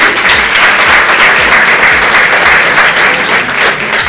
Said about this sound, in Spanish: Y de todas maneras decirles lo importante que es para nosotros la Radio Santa Cruz. No es una radio, es la mejor radio para nosotros dentro de la región, la mejor. Entonces, para eso pido un aplauso también por estos 28 años.